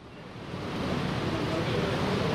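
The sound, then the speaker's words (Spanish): Heavy rain pours down outside a tent at an open-air stadium in a steady, dense hiss that swells slightly and then holds constant, with no distinct drops or pauses and no voices. “Yo creo que se oye el agua, ¿no?”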